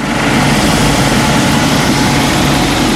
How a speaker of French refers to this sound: 30 minutes de vol et l'hélicoptère Caïman du Charles de Gaulle se pose sur la plage arrière d'une FREM, une frégate multimission spécialisée dans la défense aérienne.